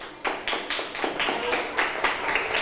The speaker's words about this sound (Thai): เพื่อนตอบว่า26เซนติเมตรถูกต้องไหมเอ่ยถูกต้องนะคะเดี๋ยวปรบมือให้เพื่อนหน่อยค่ะ